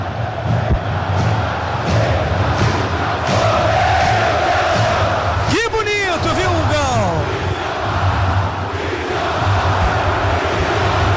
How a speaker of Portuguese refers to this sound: Vidalba, Vidalba, Vidalba é o que canta a torcida do Cruzeiro. Tá certo, torcedor ovacionando Vidalba.